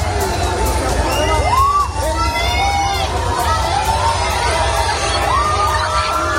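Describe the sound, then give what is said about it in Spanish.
A crowd of Spain national team fans outdoors around the team's hotel in Seville, Spain, seeking autographs, cheers and shouts continuously, with high excited voices and whoops rising over a dense, steady babble of many people. “Los aficionados se han dado cita alrededor del Hotel de Concentración de España para pedir y conseguir un autógrafo de sus ídolos.”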